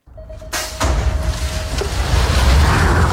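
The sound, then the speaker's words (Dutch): A BMX starting gate falls and slams down with a sharp metallic bang and a second clack while a thin steady tone sounds, followed by a loud, growing rumble of bike wheels whizzing past. From an Instagram video of BMX rider Nick Kimman. “Het geluid van het vallende starthek en de langs zoevende wielen, de fietsen die bij sprongen”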